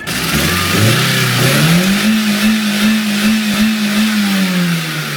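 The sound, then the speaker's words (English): A car engine, its oil replaced with a couple of cans of runny nacho cheese, revs up loudly and holds a strained, steady high drone, rising in pitch then wavering slightly, continuous for several seconds with no voices. “He put a couple of cans of nacho cheese back in where the oil goes and then fired up his engine.”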